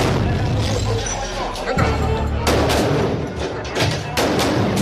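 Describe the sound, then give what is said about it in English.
Gunfire in a shootout as Marines force their way through a metal door into a safe house while hunting Chapo: loud, sharp cracks come in irregular bursts over a constant low roar and clatter, with several shots packed close together in the second half. “A shootout ensues, but Chapo is gone.”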